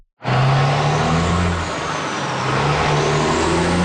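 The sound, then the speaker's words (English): Loud road traffic in Manitic, with heavy trucks rumbling past, a steady low engine drone beneath a wash of broad roadway noise that dips slightly, then swells again. “The sound of truck traffic is nothing new in Manitic.”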